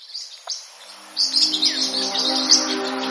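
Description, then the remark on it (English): High, squeaky parrotlet calls: a few scattered chirps at first, then a dense, overlapping chatter of shrill tweets over a low, steady hum, with no one speaking. “and his colleagues can assess whether the parrots who had the widest vocabulary in their baby days are the movers and shakers in parrotlet society today.”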